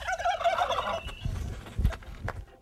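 A turkey gobbles once in a loud, rapid, warbling burst, followed by a few low, muffled thumps and rustles as the sound trails off.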